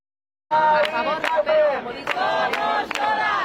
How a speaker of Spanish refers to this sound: Esta ha sido la reacción inmediata en Sol nada más conocerse la noticia. Los acampados han coreado una vez más el grito que les había traído hasta aquí hace 12 días.